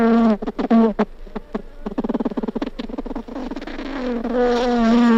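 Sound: buzzing bee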